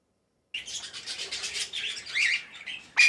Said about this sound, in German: Hier wird den ganzen Tag lang gezwitschert, gequakt und gezetert. Im Solinger Vogelpark leben Dutzende verschiedene Vogelarten.